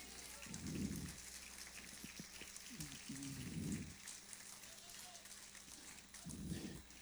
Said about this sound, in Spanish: Dele un aplauso al Señor fuerte.